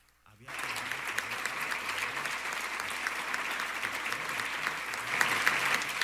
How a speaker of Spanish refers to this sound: Y un fuerte aplauso para nuestros estudiantes que reciben hoy este premio anual. Este premio a la trayectoria estudiantil 2026.